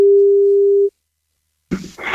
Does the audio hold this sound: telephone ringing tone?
yes